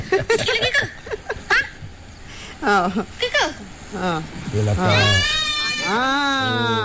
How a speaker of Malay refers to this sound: Mungkin dia nak dengar suaranya. Suara Cucut kambing tau.